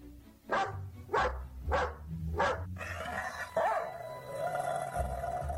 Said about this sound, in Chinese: 你 没看见西夷灵犬熊背都不欢迎你吗？ 什么灵犬，就是条恶犬，长牙似的东西，看我不一脚踢死你个畜生。